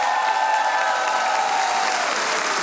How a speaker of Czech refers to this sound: Zdravíme vás všechny, 24. díl pořadu Rozhlas jede za vámi a takhle vám tleská nabitý kulturní dům v Čelákovicích.